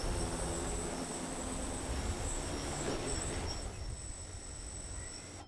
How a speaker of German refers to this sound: Und jetzt drücken wir einfach, dass die Drohne einmal zurückkommen soll. Jetzt müsste die Drohne eigentlich warten, bis die Box sich öffnet.